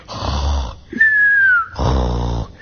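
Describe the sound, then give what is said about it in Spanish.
A voice mimics a man snoring: a loud, rasping inhale, a thin whistling exhale, then another rough snore, alone with no other sounds. “bien dormido, roncando el hombre este, y David estaba allí, a su lado.”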